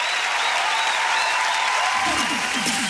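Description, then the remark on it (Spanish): Steady, dense applause from an audience fills the whole stretch, loud and continuous, with a voice briefly emerging beneath the clapping near the end. “Gracias, aplauso para”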